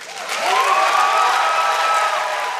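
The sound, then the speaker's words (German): A crowd breaks into loud, sustained cheering and applause after a speech by a Czech writer at a festive opening, with clapping and raised voices blending into a dense, steady roar that holds throughout. “Also großer Jubel für die Rede der tschechischen Schriftstellerin”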